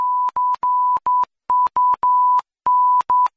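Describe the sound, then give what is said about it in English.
A loud, pure censor bleep tone, switched on and off in a run of about ten long and short beeps that make a Morse-code-like rhythm, with no voices. “Now, they can beep that, but if they do, they just said c*** in Morse code.”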